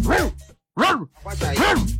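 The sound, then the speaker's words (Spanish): A person's voice mimics a chihuahua's high, yappy bark, letting out three sharp, loud yips with brief pauses between them. “Ese es un chihuahua. Queremos un perro más grande”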